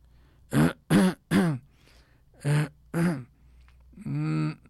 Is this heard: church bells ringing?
no